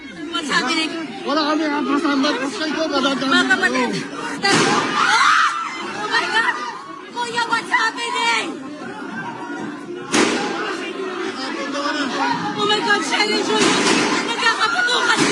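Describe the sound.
A panicked crowd of lawmakers and journalists shouts and clamors as they try to take cover inside the Philippine Senate building, with agitated voices and screams throughout, punctuated by two sharp, loud bangs like gunshots a few seconds apart amid the chaos.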